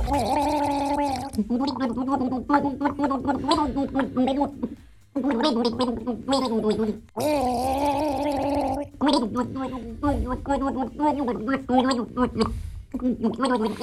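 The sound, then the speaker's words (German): Someone gargles water from a water bottle while carrying a tune in the radio song-guessing game Gurgelgaga. The gargling makes loud, bubbling, warbling pitched notes in melodic phrases, broken by two brief pauses. Another voice joins in for a gargled duet. “eine Wasserflasche geschnappt und drauf losgegurgelt haben.”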